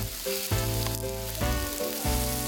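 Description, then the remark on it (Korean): Pork and plenty of farm-grown shiitake mushrooms sizzle on a grill, a steady, fairly loud crackling hiss that runs throughout, with tonal background notes that shift every second or so underneath. “농사 지은 표고버섯을 듬뿍 올려 돼지고기와 함께 구웠습니다.”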